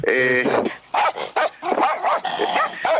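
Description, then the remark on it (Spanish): Several Doberman dogs bark in quick succession, a loud burst of sharp barks and yips overlapping one another, with a whiny, drawn-out bark at the start. “Suelta los Doberman, tremendo. Dije hola. Tengo miedo de decir algo que me ladren.”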